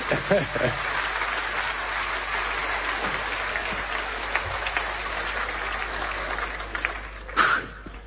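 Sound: audience applause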